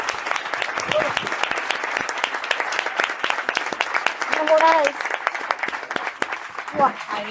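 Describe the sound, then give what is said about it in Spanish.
A crowd breaks into sustained applause for the first panel of a talk, dense rapid clapping filling the whole stretch, with brief voices and a cheer or two rising through it near the end. “No, y un fuerte aplauso a esta primera mesa.”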